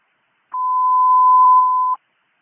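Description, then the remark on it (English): A single steady, loud electronic fire dispatch alert tone at one mid-high pitch, sounding for about a second and a half before cutting off abruptly, with no voices around it. It is the dispatch alarm for Engine Company 10, Truck 5 and Car 3 to a fire at 711 Comstock Avenue. “Alarm. Fire.”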